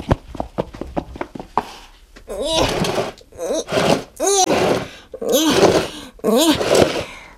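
A heavy box full of toys is shoved through a door into a radio station: a quick run of knocks and bumps, then several loud bursts of scraping mixed with straining, groaning vocal effort.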